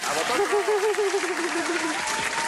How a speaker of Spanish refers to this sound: ¡Ahí está! ¡Olé! Un aplauso gracias, para él